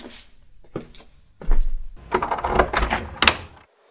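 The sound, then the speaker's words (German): A few sharp latch clicks, then a heavy door that orcs had guarded scrapes and creaks open with a low rumbling thud, fairly loud, with no voices. “Die Orks haben diese Tür hier bewacht.”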